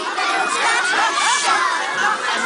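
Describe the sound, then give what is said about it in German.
Thousands of children carrying lanterns chant a traditional song at the Bachfischet, a medieval custom in Aarau, a dense, high-pitched mass of voices that stays loud and steady throughout, with no single voice standing out. “Und das hört man dann aus Tausenden von Kinderkehlen mit diesen schönen Lampio.”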